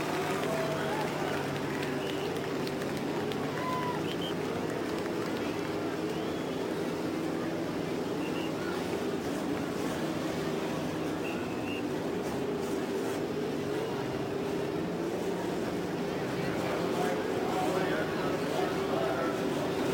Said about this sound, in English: The engines are started on the main stretch at Indianapolis. 11 rows of three. We check down the line. It appears that everyone is started and ready to go.